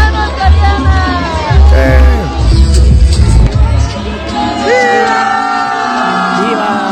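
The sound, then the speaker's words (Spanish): A large crowd at a sports club shouting and cheering loudly, with many overlapping voices rising and falling in a dense, continuous roar, some individual yells and whoops standing out. “O sea, lo vieron en un club deportivo en donde me imagino que escogieron así a cada persona que entró para que fueran a gritar, o una cosa así horrible.”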